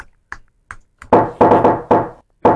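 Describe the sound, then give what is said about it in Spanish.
A person imitates someone knocking at a door: three soft, light taps, then four loud, resonant knocks in an uneven rhythm, with no voices. “En la puerta. ¿Qué es eso? Estoy haciendo el sonido de la puerta.”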